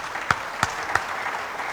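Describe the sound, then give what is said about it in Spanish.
An audience applauds in a steady, even wash of clapping, with three sharper, louder claps standing out in a regular rhythm over the first second, applause for professor Sabino Velázquez, who helped with a network for the event. No one speaks. “Un fuerte aplauso también para él, por favor.”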